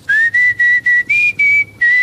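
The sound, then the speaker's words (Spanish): A person whistles to call a female animal, a quick series of about seven short, bright notes at a steady pitch, clear, with brief gaps between them and no talking. “Ya veo que la llamó con el silbido, pues.”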